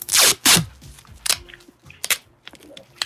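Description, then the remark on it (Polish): Two loud, harsh ripping bursts of dark grey duct tape (repair tape) pulled off its roll, followed by a tearing snap as a piece is torn off, then a few scattered crackles and crinkles, with no talking. “Szara taśma się mówi, albo taśma naprawcza. Aha. To jest ona właśnie, i to najpierw jest właśnie odklejanie z tego wałka, a potem to odrywanie.”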